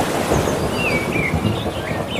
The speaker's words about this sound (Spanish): Y algún trueno.